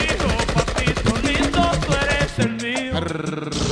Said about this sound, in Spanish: Suelte unos petardos, maestro.